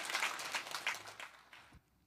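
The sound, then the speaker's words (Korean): An audience applauds together in thanks and glory to God, a dense wash of many hands clapping at once for nearly two seconds before it suddenly cuts off into quiet. “우리 하나님께 크게 감사와 영광의 박수 크게 올라.”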